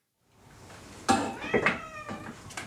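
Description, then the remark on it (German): Several cats meow in the full cat house of an animal shelter in Elmshorn, Germany, with overlapping calls starting abruptly and continuing in a loose cluster over a faint background hum; no one speaks. “Das Katzenhaus im Tierheim Elmshorn ist voll.”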